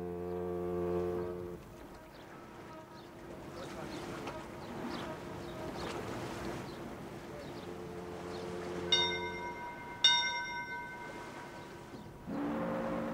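A ship's bell rings twice in quick succession as the second departure bell of a huge passenger steamship leaving America, bright and ringing, over a busy crowd murmur, with a deep ship horn sounding before and after.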